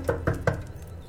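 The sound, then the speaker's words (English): Three quick knocks on a door, evenly spaced, each a short hollow thud, with nothing else but a faint hush around them. “Well, first go see who's at the door.”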